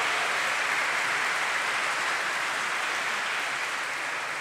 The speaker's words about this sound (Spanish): Un aplauso para los abuelos y abuelas.